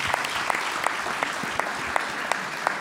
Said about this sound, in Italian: Un applauso, Presidente, grazie.